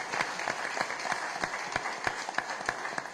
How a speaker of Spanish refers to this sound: Y por último, démosle nuevamente y último aplauso a todos estos chicos de Siembra. Gracias.